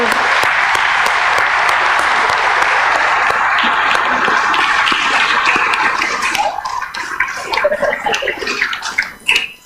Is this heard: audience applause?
yes